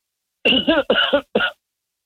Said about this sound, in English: Oh, excuse me, I had to cough.